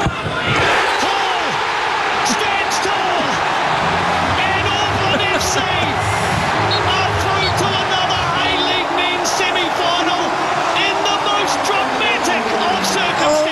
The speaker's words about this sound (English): Gosh, listen to that crowd.